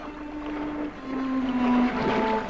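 Sea waves wash steadily, heard from a seat overlooking a harbour, with a long, low tonal drone humming beneath the rushing water. No one speaks.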